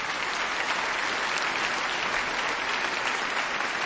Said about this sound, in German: Genau, ein Applaus für unsere Trompeten, die jetzt auch reinkommen dürfen.